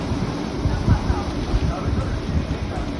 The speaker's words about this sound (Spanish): Es el sonido de hace tan solo unos minutos en Alsira, donde ya llueve con fuerza.